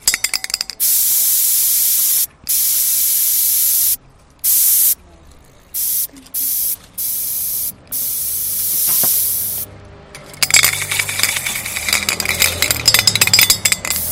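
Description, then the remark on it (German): An aerosol spray paint can hisses in several bursts over a stencil, some long and some short with brief gaps between them, fairly loud, before the sound shifts to clattering and rustling noises. “Ein Stencil ist halt sowas, da nimmt man eine Schablone und sprüht halt einfach drüber.”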